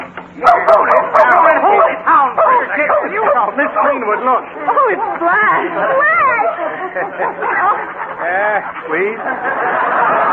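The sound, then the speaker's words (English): A dog named Flash, just got out of a pond, barks and yips excitedly amid a busy tangle of overlapping voices, the barks loud but partly buried under the continuous chatter. “Oh, dog. I knew you'd jump back.”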